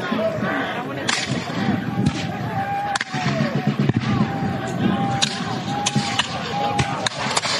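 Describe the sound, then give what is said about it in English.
A ragged volley of muskets fired by light infantry against militia in a town: sharp, loud cracks fire at irregular intervals, some clustered together, over a steady wash of crowd noise and scattered voices. “Ooh, withering volley from the light infantry.”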